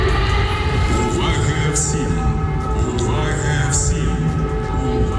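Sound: air raid warning siren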